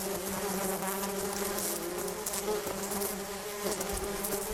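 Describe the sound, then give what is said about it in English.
A dense swarm of bees drones continuously, many overlapping buzzes forming a thick, steady hum that fills the whole moment without pause. “I love bees, but I think if I heard that many bees, that's when you want to move somewhere else.”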